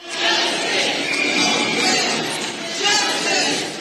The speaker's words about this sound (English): You're hearing the crowd gathered earlier today chanting justice for Nolan Wells after his family released the results of an independent autopsy.